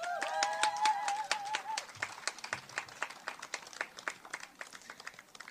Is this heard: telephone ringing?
no